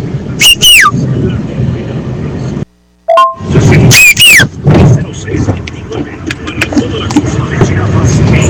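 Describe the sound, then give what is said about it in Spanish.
A person's own signature whistle, the kind of characteristic whistle each family has, rings out twice, each a loud, piercing high note that swoops downward, with a noisy rumbling background of voices and bustle running underneath. “Este es mi silbido, amigo.”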